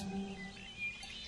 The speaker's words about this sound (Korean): 이번엔 또 누구를 부르시는 걸까요? 이 산에 사는 참새들은